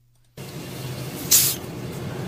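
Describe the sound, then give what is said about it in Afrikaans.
A hissing cockroach, about 4.5 cm long, lets out one short, sharp, airy hiss that rises loud and fades over a fraction of a second, set against a steady low rumble of background noise with no talking. “Sis man, tot hulle sê sis vir mekaar. Dis hoe dit klink, net indien jy gewonder het.”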